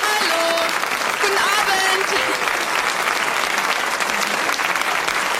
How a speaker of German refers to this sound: Unser Hallo. Publikum begrüßt dich. Beifall für Nicole.